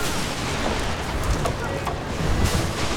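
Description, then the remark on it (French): Strong wind roars steadily over open water as a Viking knorr ship sets out to sea, a dense rush of noise with low rumbling gusts swelling and easing, building slightly louder toward the end. “Dépêchez-vous, le vent se lève.”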